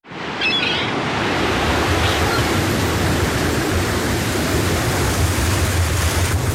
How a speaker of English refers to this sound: In seconds, winter wind conditions on the water can turn unforgiving.